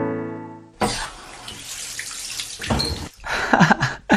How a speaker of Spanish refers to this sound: ¡Agua corriente, caliente y fría, Patri! ¡Por primera vez en mi vida!